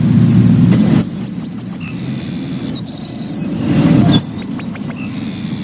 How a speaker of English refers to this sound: let's hear about a former mystery guest from Dave Fifield, the Savannah Sparrow